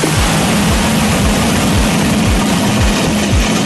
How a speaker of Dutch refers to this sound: Nou, zo klonk die lancering.